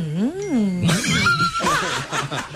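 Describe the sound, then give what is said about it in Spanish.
A person imitates a cow with one drawn-out, wavering moo that rises and falls, then breaks into breathy, laughter-like vocal noises. “Ay, no, como ¿cómo hablan las vacas? Vacas, así.”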